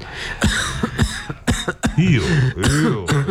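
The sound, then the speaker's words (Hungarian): Several sharp coughs come in quick succession as a patient is told to cough during a medical examination, followed by rougher, voiced throaty coughing and hacking that carries on to the end. “Ó, köhögni.”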